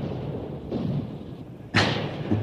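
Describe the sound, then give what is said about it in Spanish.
Explosions from bombs, grenades and mortars on the other shore: a muffled boom, then a louder sharp blast that trails into a low rumble over a steady background roar, with no voices. “Son bombas, granadas, morteros.”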